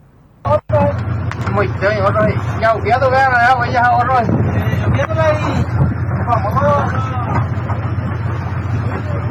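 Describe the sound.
The engine of a passenger motorboat making a border crossing drones steadily while strong wind buffets the microphone, and several people talk and call out loudly over the noise as a man is rescued from his swamped boat; a brief thump sounds at the start.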